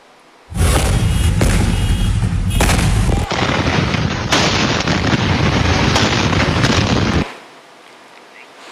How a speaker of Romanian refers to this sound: Flăcările au izbucnit pe un teren viran pe care erau depozitate ulei uzat și aliaje de aluminiu și magneziu. 140 de pompieri și 10 de autospeciale au ajuns la fața locului, dar în momentul intervenției s-au produs două explozii uriașe.